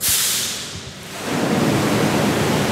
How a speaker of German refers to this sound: Also 3 bis 4 Mal im Jahr wird die Tiefgarage des Hotels geflutet